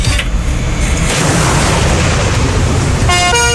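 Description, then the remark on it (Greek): A loud, heavy rumble of a big engine fills most of the moment, then a truck horn blares near the end in a short, brassy double-toned honk. No one speaks. “Εγώ. Φορτηγό.”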